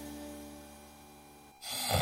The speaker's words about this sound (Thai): เฮ้ยกรนอีกแล้วทั้งคืนเนี่ยไม่ได้นอนเลยนะ เฮ้ยก็แค่กรนนิดเดียวเอง